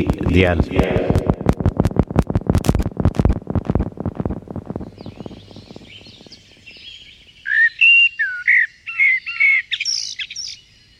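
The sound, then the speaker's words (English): A blackbird sings in the second half: bright, warbling phrases broken by short pauses, clear. Before it comes a dense, rapid run of pulsing sound. “Just like their singing that bursts into melodies with notable pauses in between.”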